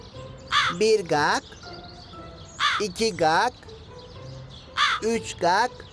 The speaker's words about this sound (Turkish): Bak şimdi bu karga 5 kere ötünce gelecek fikri.